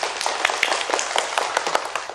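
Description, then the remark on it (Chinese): A crowd applauds to congratulate the student group announced as the best heritage-nomination ambassador team, with dense, rapid clapping, a steady crackling wash of many hands at an even level with sharper individual claps popping through throughout. “掌声祝贺他们。”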